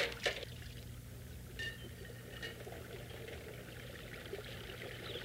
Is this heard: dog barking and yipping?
no